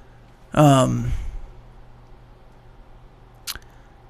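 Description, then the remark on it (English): A single loud sneeze bursts out, a voiced, falling cry mixed with a noisy blast that fades within half a second, followed by quiet and one brief sharp click. “Bless you.”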